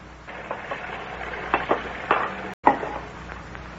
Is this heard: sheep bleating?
no